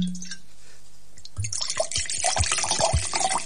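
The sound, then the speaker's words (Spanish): After a second of near silence, wine is poured from a freshly opened bottle, a steady glugging and splashing stream with small drips that continues to the end. “Abre el vinito y después me dice. Primero abre la botella.”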